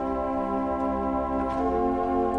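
A sustained organ gamba stop, sounded by very narrow pipes, holds a thin, bright, string-like tone rich in overtones, steady in pitch with a slight undulating shimmer. It plays alone, with no one speaking.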